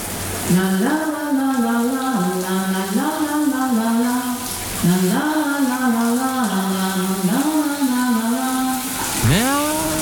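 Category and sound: household object, shower tap running water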